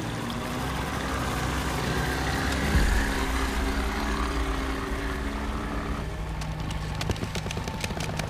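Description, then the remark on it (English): A boat engine drones steadily, low and rumbling, as the driver tries to force a passage through sea ice; sharp scraping crackles and knocks break in toward the end as the hull pushes through the ice. No one speaks. “the driver, tries to force a passage through the ice.”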